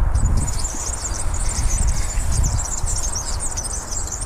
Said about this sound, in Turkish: Bir kere daha çalayım. Gerçekten yağlanmamış bisiklet zinciri sesi.